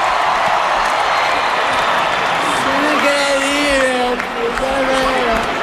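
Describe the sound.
A crowd applauds in a steady, dense roar of clapping, and from midway sustained cheering voices and whoops rise above it, holding loud to the end.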